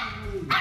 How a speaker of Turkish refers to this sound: Yani tam oynamadığın için havlıyor yani.